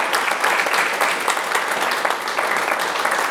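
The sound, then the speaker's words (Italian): Steady audience applause fills the whole stretch, a dense, even wash of many hands clapping at once, fairly loud and without any voices over it. “Allora, dato un applauso.”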